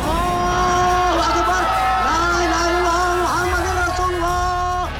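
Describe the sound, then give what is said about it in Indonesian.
A crowd of people who have come out of their houses shouting "merdeka" together after the proclamation of Indonesian independence, sustained, overlapping voices with long held tones rising and falling, loud and continuous over a steady background rumble. “ini orang-orang pada keluar rumah berteriak merdeka-merdeka.”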